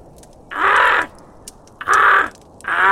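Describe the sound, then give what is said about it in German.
Ravens caw outdoors from high in the crown of a large oak, in loud, harsh calls, about three in a steady rhythm, each roughly half a second long with short pauses between, with no talking. “Was ist das wieder für ein Gekrächze da draußen?”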